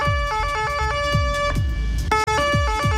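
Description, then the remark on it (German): An Austrian emergency vehicle siren blares loudly and continuously, its tone stepping rapidly between high and low pitches over a deep rumbling that swells and fades beneath it. “Und Leute, ich möchte eigentlich nur über eine Sirene reden, und zwar die von unseren Freunden aus Österreich.”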